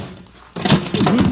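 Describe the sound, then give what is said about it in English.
After a brief hush, a sudden heavy thump and scuffing ring out as someone stumbles on steps, followed by a second burst of clumsy, shuffling knocks. “Stumbled.”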